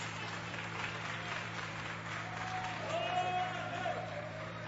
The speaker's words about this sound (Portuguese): e as palmas glorificam o nome de Jesus.